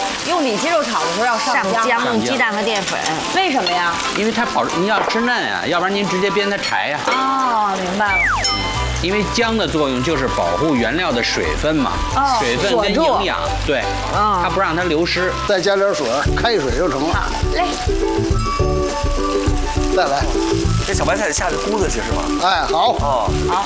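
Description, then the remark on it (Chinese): Pork belly and mushrooms stir-fry together in a wok with a steady sizzle and occasional utensil clinks, beneath nearly continuous conversation between two people; the water from the mushrooms goes into the pork as it fries. “不是， 这一边煸还煸蘑菇，同时啊，这一块哈， 蘑菇的水进去了，五花肉不就耐煸了吗？”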